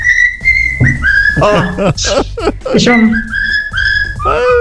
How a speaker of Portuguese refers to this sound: A nossa mascotezinha Calopsita. Não é periquita, não.